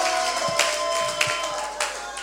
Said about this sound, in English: All right, you can clap your hands and give Jesus a shout.